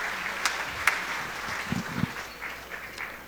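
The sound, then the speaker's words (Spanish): An audience applauds together during church prayer announcements, a steady crackling patter of many hands clapping at moderate volume, with a few sharper claps standing out. “Aplausos, hermanos y hermanas.”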